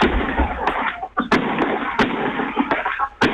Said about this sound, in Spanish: Ahí está, los fuegos artificiales de San Carlos, con el humo celeste y blanco, la gente de la villa que hace su show en medio del partido.